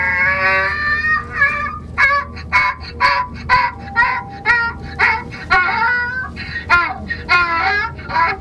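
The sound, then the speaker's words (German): A donkey brays in a long, loud series of rhythmic, wheezing hee-haw calls that rise and fall for several seconds, with no one talking over it. “Das war der Esel.”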